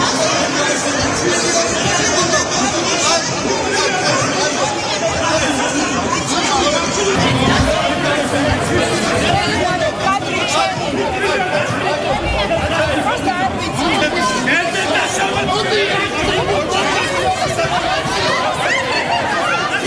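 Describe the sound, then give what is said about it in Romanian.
Loud, chaotic commotion of a brawl in the Parliament of Georgia after the prime minister presented the government's annual report, with members of parliament trading punches and slaps: many voices shouting and clamoring over one another, sustained for the whole stretch, with scattered bursts of laughter. “O încheierare în toată regula în Parlamentul Georgiei după ce prim-ministrul a prezentat raportul anual al guvernului”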